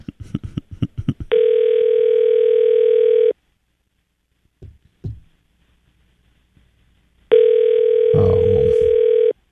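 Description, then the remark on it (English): A call to a man's cell phone rings out unanswered: a few quick clicks, then two long, steady electronic ring tones separated by a silent pause, with faint muffled sounds in the gap and under the second ring. “And of course you're not going to answer it because it's the same guy. He's got two cell phones.”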